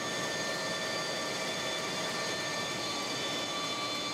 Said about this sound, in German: Hinter dem Rolltor, ganz hinten in der Maschine, wird das Papier über riesigen Dampfzylindern getrocknet.